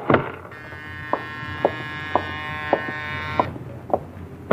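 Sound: doorbell ringing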